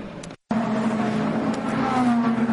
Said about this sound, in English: Into the pits comes one of the two Alpines, the 36 Jules Gounon driven car, which is was third, and it's going to get a driver change as well.